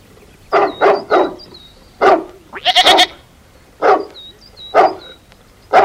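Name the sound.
dog barking angrily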